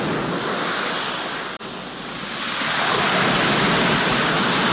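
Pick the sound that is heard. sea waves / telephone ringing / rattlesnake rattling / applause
sea waves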